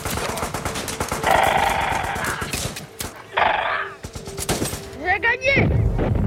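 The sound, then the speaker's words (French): Bursts of rapid gunfire crackle continuously alongside heavy booms of cannon fire, with a horse whinnying briefly near the end amid the battle din. “Et donc, il est tout à fait possible que le jeune Philippe de Hautecloque ait pu entendre le bruit de la mitraille, voire le bruit du canon.”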